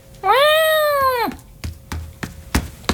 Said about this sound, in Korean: 현우의 어깨 위로 올라온 도련님이 큰 소리로 야옹거렸다.